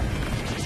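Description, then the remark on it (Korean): A hammer strikes with a loud, crashing smash, a dense burst of impact noise that fills the whole moment without pause. No one speaks. It is a hammer strike in the Super Wings cartoon. “망치 때리기!”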